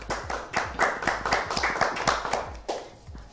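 An audience breaks into applause, a steady patter of many hands clapping at a brisk, uneven rhythm for a few seconds with no voices over it.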